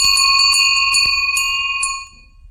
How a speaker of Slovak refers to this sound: pán Halahia doniesol jeden zvonec. Poprosím teraz o to zazvonenie.